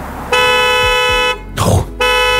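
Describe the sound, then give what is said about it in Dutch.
The horn of a Chinese car blares loudly as a warning that someone is still on the back seat after the car is locked: a long steady blast of about a second, a brief noisy burst follows, then the horn starts honking again. “Ja, echt hard beginnen toeteren, maar ja, het lijkt mij wel top dat het bestaat.”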